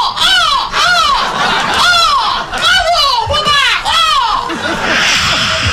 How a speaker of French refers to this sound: Les mouettes passent admiratives.